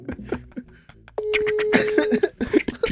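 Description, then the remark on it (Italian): A phone being dialed to call someone live on air, with a single steady electronic tone holding for about a second while people talk and move around it. “Chiamo Ringo, aspetta. È in onda, Ringo. Ma non lo sa. Dai. Non so quale dei due numeri, perché ce n'è due.”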